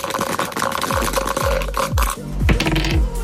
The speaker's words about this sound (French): Vous lancez les dés ? Vous donnez le top quand vous voulez ? Allez, top !